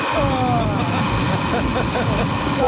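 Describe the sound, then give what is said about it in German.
A loud alarm clock rings nonstop, a harsh, dense rattling clang with a faint repeating warble riding on top, unbroken for the whole stretch. “Ich glaube, beim zweiten, da wäre der schon mehrmals aus dem Fenster geflogen.”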